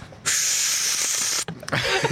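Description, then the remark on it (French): A voice imitates a vacuum cleaner with a loud, steady breathy hiss held for over a second, then breaks off into short sputtering puffs and a rougher, noisier burst. “Un aspirateur.”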